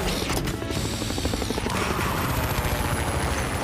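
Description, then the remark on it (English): A loud, steady whirring of helicopter rotors with a rhythmic chopping pulse, wrapped in a constant rush of blowing wind and a faint high mechanical whine throughout. “Oops, my helicopter is making a lot of wind.”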